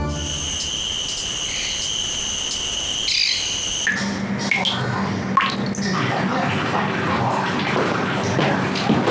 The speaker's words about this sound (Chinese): 老太太，你们家水龙头坏了？ 水龙头没坏，是你爸在偷国家的水。 什么？ 你爸这两天在菜市场认识了几个爱占便宜的老太太，学会了很多勤俭持家的办法啊，这就是办法之一。